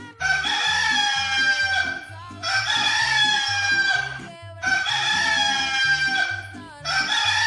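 A rooster crows loudly again and again, four long harsh cock-a-doodle-doos in steady succession, with a rhythmic low musical backing running underneath.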